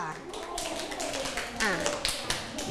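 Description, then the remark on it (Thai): A class of students clapping for a classmate who answered a question, in a steady, dense patter of quick hand claps, with voices talking and calling out over the applause throughout. “ปรบมือให้เพื่อนที่ตอบด้วยค่ะ”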